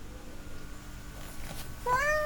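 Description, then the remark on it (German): A single cat meow rises near the end, clear, after nearly two seconds of quiet hiss and low background noise, on a very hot day. “Auf den Katzen. Die möchten sich fast schon ins Wasser begeben.”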